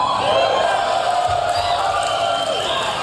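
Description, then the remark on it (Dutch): A large crowd cheers and whoops loudly and continuously, a dense roar of many voices with scattered shouts rising above it, without pause. It is the audience at the unveiling event for the Tesla Semi electric truck. “Ja, je hoort, het publiek gleed van zijn stoel af.”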